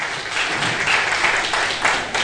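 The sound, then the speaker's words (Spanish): An audience applauds steadily in praise of the King of Kings and Lord of Lords, a dense wash of many hands clapping at once that stays loud and even throughout, with no voices standing out. “Denle un fuerte aplauso una vez más al Rey de Reyes y Señor de Señores.”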